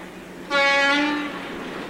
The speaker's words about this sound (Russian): Был июньский вечер, накрапывал дождь. Шел поезд по Стрелецкой железной дороге.